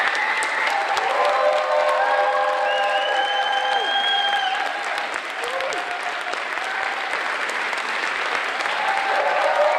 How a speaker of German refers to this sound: Die Premiere geht dem Ende entgegen. Gespannt haben die Kinder das Geschehen verfolgt. Und so gibt es am Schluss auch großen Applaus.